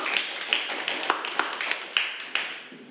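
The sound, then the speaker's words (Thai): A classroom group claps for the second group after its correct answer, a steady patter of sharp, bright slaps, several hands overlapping at a quick, slightly uneven rhythm, moderately loud, with no talking. “เป็นงานปารีสแฟชั่นเป็นคำตอบที่ถูกต้องนะครับขอเสียงปรบมือให้กับกลุ่มที่สอง”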